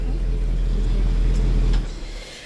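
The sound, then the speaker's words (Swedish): The big old engine of a 1958 Buick Limited convertible at the Summer Meet car meet in Västerås rumbles low and steady, with a deep idling drone that suddenly drops away near the end, leaving quieter outdoor background. “jag står här med Claes Brink som sitter i en, ja, vad är det för bil? Det här är en Buick Limited 58 cab.”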